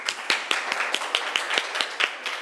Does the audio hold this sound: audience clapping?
yes